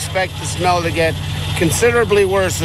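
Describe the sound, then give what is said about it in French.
A truck fitted with giant hoses, used to suck up a decades-old decomposing mix of fish and salt combined with peat, idles with a steady, low rumble throughout, while a person talks continuously over it, the voice sitting clearly above the engine drone. “Elle est ensuite aspirée par des camions équipés de tuyaux géants.”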